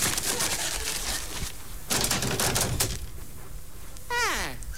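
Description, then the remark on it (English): A comic sound effect of 8 ounces of dripping fat: dense, loud crackling and spattering bursts in uneven waves, ending with a quick whistling tone that slides downward in pitch. “And now we eliminate the sound of 8 ounces of dripping.”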